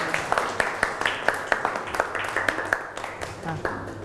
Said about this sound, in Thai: ปรบมือให้เพื่อนพรีเซนเตอร์หน่อยขอบคุณค่ะ